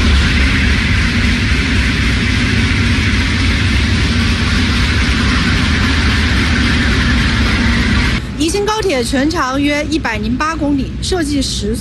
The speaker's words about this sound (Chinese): 现在是上午的8点半，我现在是在宜昌北站的站台上。那在我身后呢，宜兴高铁的首趟综合检测车呢即将驶出站台，这也标志着宜兴高铁正式启动了联调联试工作。